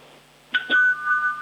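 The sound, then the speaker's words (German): A home doorbell in Lower Austria chimes twice in quick succession, heard over a mobile phone held toward it, a two-note ding-dong whose tone rings on and slowly fades. It sounds thin, with no one speaking. “Ich glaube, du musst das Handy ein bisschen zur Türklingel halten.”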